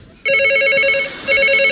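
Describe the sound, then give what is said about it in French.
A telephone rings loudly: two bright, trilling electronic rings separated by a short pause, with no voices. “Téléphone. J'entends.”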